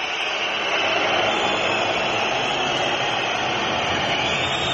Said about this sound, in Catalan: Xiulets. I els xiulets. Abans del descans, escolteu-los al Palau.